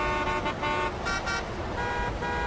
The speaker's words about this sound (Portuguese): A garotinha Suzana, sozinha, de dentro da escola, olhava assustada os carros correndo lá fora.